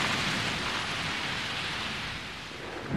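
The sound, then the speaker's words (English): A heavy, steady downpour roars, a dense hiss of torrential rain with a deep low rumble underneath, like a thunderstorm in full force, during a warm-season storm with strong winds and lightning over a forest canopy. No voices. “Storms come in the warmer months of the year, bringing torrential rain, strong winds and lightning strikes, ripping holes in the canopy.”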